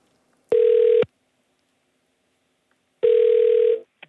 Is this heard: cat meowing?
no